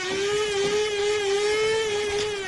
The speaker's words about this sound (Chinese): 你这是新买的豆浆机啊？ 什么豆浆机？我这叫咖啡机。